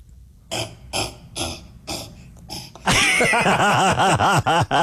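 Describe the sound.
A person imitates a cassowary call: about five short, breathy grunting bursts, then a loud, sustained run of rapid, rhythmic, throaty warbling booms.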